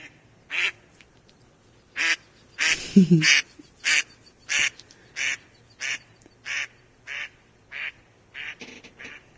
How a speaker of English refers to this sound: Sounds more like the basic duck sound, that one. Certainly does.